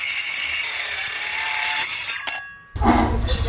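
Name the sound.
sawing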